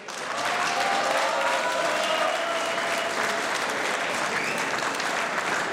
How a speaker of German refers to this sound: Einen schönen Vormittag. Das ist euer Applaus.